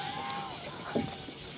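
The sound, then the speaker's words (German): A steady, even hiss of water from a shower left running the whole time, with one brief louder splash or knock partway through and no voices. “Die Dusche war die ganze Zeit an.”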